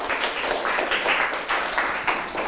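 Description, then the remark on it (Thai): A group of classmates in a classroom applauds together for a classmate: dense, steady clapping with many overlapping hand claps that swell and dip slightly in loudness, with no talking over it. “ฮะปรบมือให้เพื่อนครับ”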